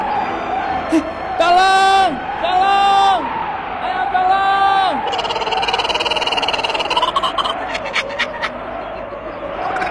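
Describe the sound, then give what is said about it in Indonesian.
A man screams for help in three loud, drawn-out cries close together as a giant snake swallows him alive, his voice straining and wavering, before the shouting gives way to a steady, rough background noise. “berteriak minta tolong, dengan sekejap ular raksasa itu menelan Yongki hidup-hidup”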